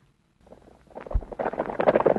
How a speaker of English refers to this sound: The sound of horses running.